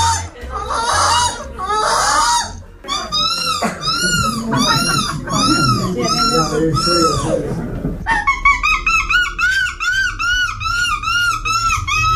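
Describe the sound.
A Belgian boy, this year's winner of the children's category of a seagull-imitation contest, imitates a seagull, shrieking a run of high, arching calls, then a fast, rhythmic volley of yelping cries. Each call is loud and wailing, with a harsh vocal edge.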